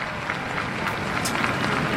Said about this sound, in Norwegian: Det kan vi høre på applausen nå.